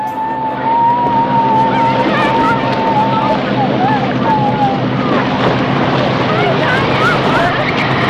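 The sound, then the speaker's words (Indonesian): A fishing boat carrying fishermen motors steadily out across the open sea to fish, its engine droning loud under constant wash and wind, with faint, indistinct voices calling out now and then. “Kapal kemudian berlayar jauh di tengah laut.”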